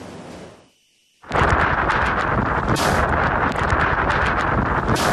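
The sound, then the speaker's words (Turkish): A brief lull, then a sudden blast of powerful wind from Typhoon Dolphin in eastern China roars and buffets the microphone continuously, loud, with gusty surges and no voices. “Kamyon şiddetli rüzgarın etkisiyle devrildi.”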